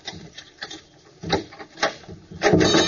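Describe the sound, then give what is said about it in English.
A door is worked open, with soft wooden scraping and rattling, then a few sharper clunks and a louder rasping creak at the end, with no voices. “Now, open up the door.”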